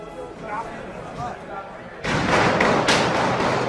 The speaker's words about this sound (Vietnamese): Những tiếng súng nổ chát chúa bất ngờ vang lên và Tổng thống Mỹ Donald Trump lập tức được sơ tán, và nước Mỹ thì một lần nữa rúng động vì bạo lực súng đạn.